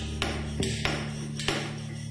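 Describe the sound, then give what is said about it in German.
Light, sharp taps from a sculptor's tool striking a hard surface, tapped carefully, about five knocks at an uneven pace over a steady low hum, with no voices. “Wenn ich vorsichtig klopfe, passiert nichts.”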